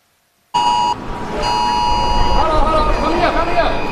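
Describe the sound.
Loud, steady air raid sirens sound in two long blasts with a short gap, then keep going beneath a rumble of background noise and faint voices, in Taipei, Taiwan, during the country's largest ever military drills, as streets are evacuated.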